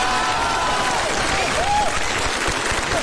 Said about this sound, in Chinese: 转过去，转过去就是一片掌声啊。 好 啊，鼓掌的都是懂艺术的。